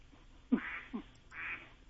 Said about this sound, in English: Is that a duck in the background in your house